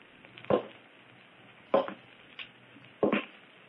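footsteps on a roof

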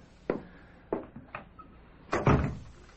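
door being shut

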